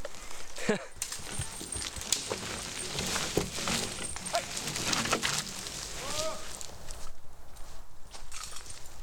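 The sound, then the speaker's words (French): Steady clip-clop of a working horse's hooves walking at an even pace in a forest, with birds calling around it and faint voices murmuring in the background. “Au niveau des contraintes du cheval, il y a quand même la distance à prendre en compte parce que c'est un être vivant donc il marche.”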